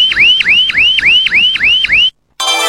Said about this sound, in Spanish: El despertador sonó a la hora de siempre.